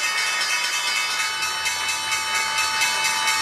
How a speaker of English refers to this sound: The bell is bringing an end to the trading day. At the NYSE, Barnes & Noble Education ringing the bell, and at the NASDAQ, Visteon doing the honors.